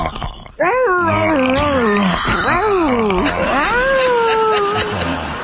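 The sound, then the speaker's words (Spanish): A person's voice imitates a dog yelping in pain: a loud, drawn-out whimpering cry that rises and falls in pitch over several seconds, with no other talk. “antes te quiero morder el cuello y le haces así como perro, como que te duele, ¿ok?”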